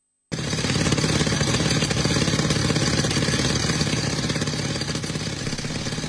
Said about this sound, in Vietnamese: Tiếng máy khoan bê tông vang vọng giữa núi rừng khi tổ công tác quy tập hài cốt liệt sĩ thuộc Bộ Chỉ huy Quân sự tỉnh Tuyên Quang phải phá những khối đá lớn để tìm kiếm dấu vết tại các điểm cao của chiến trường Vị Xuyên năm xưa.